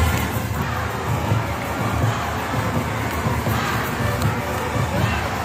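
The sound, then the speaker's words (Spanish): A large crowd at the Hispanidad parade on Gran Vía in Madrid on a Sunday roars and cheers steadily, with shouts and high children's voices rising out of a dense, unbroken wall of noise that holds loud throughout. “ha estado en el desfile por la hispanidad que dieron este domingo en Gran Vía. Y resultó tremendo, ¿eh? Pues vamos a escucharlo.”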